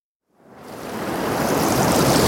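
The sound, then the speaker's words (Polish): A wash of sea waves on the Polish seaside swells up out of silence, building into a steady, full-bodied roar of surf with no voices. “Dla tych, którzy wybrali polskie morze.”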